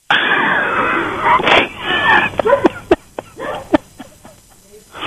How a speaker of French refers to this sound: Et, alors, on entend mon chien aboyer, là? Oui, mais on entend, oui.